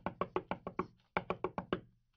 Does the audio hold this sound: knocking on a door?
yes